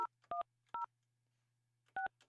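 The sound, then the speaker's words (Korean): A handful of telephone keypad tones beeping in short, evenly spaced pairs of dual-tone pulses, with a pause in the middle, over a faint low hum, with no one speaking, as a phone call is dialed to the person listed as number 3286. “자, 이분 전화 한번 해보겠습니다.”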